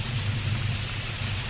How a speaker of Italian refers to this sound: Maledetta pioggia!